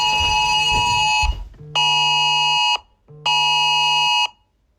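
A loud, harsh electronic emergency alert tone, sent to all mobile phones in England and Wales, sounds in repeated bursts: three long buzzing blasts of about a second each with short gaps between, with no voices.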